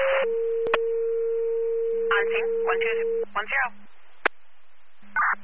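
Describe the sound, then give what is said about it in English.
A steady, sustained radio paging tone, second tones for Walton Fire to a FedEx truck rollover on State Highway 206, Walton, holds for about three seconds while clipped, band-limited radio voices cut in over it, followed by short bursts of static and chatter. “Walton Fire, second tones, need your response, 16950, State Highway 206, Walton for a FedEx truck rollover.”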